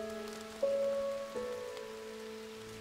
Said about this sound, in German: Ein Regentag an einem Waldsee. Etliche solcher Teiche findet man im Reinhardswald und alle sind von Menschenhand angelegt. Als Fischteiche für den fürstlichen Hof. Heute sind sie der Natur überlassen.